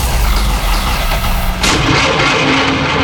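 A car engine cranks with its starter motor, a loud rhythmic churning for about a second and a half, then a sudden burst as the engine roars to life and keeps running. No voices.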